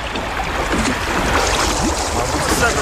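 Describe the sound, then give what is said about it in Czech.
A small boat carrying passengers churns through rough water, with a steady, loud wash of splashing and rushing spray over a low, constant rumble that never lets up. “Pravice s cestujícími vyrazila na obtížnou cestu.”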